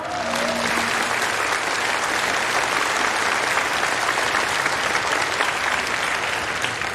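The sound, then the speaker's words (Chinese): Sustained applause from a large crowd at a report meeting in Dongning welcoming home national table tennis players, a dense, steady wash of clapping that holds at an even loudness for about seven seconds. A faint voice sounds briefly at the start. “下面就请运动员为大家做报告，鼓掌。”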